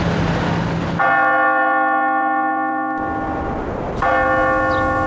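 Two loud, ringing bell strikes from a clock tower in the old city of Nantong, Jiangsu, China, each followed by a long, sustained resonant hum that slowly decays, with a low rumble of background noise between them.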